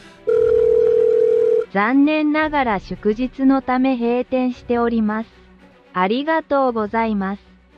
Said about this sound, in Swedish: ringde jag det här numret, för jag hade ju ett nummer till den här killen jag skulle träffa då. Så jag tänkte jag får göra om detta på något sätt. Men då var det ju en automatisk telefonsvarare som svarade någonting som jag naturligtvis inte fattade.